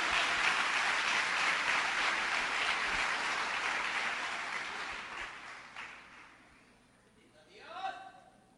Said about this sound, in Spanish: Ahora sí, denle una ofrenda de palmas fuerte al Dios de los cielos.